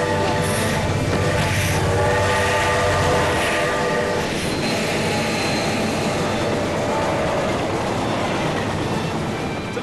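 A train roars past on railway tracks, its horn blaring for the first few seconds before giving way to a steady, loud rumble and rattle of passing wagons.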